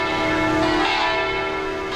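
A newly made bell in a bell factory, fitted with a bronze clapper inside, is struck and rings out loud. Its rich sustained tone hums with layered overtones that linger and slowly fade, with no voices present.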